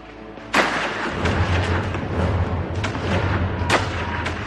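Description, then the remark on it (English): Gunfire in the mountains of Herzegovina in the summer of 1875: a sharp burst opens, followed by scattered shots echoing over a low, continuous rumble, like battle fire rolling across open hills. “In the summer of 1875, gunfire was heard again in the mountains of Herzegovina.”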